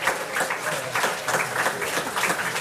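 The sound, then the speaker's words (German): A crowd applauds the singers steadily, a dense wash of many hands clapping at once with a fairly even loudness and faint rhythmic swells throughout, no voices standing out. “die …, einen kräftigen Applaus.”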